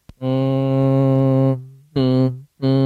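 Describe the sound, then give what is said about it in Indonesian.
A low, steady nasal hum (ghunnah) from a voice, a nasal sound made at the base of the nose (khayshum): one long sustained tone, then two shorter hums after brief pauses, fairly loud with no speech. “Nah, itu suara hidung namanya.”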